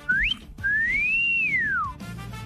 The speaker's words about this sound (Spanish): Oye, qué lástima, que, o sea, ¿por qué tienen que estarle chiflando a las mujeres? ¿Qué es eso de...? A ver, chifla,